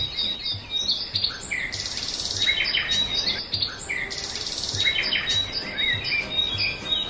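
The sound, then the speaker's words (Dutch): A dense dawn chorus of many birds singing at once, overlapping chirps and trills from near and far filling the air continuously, with no voices. “En ik ben verwelkomd door het gezang van misschien wel duizenden vogels.”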